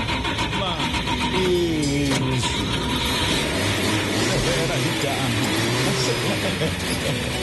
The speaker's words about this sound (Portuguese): idoso Chevette. Calma. Idoso sim, né, Chevetinho? Porque você tem assim a alma jovem. Como estou poético hoje. Vamos ligar? Vamos ligar o motor?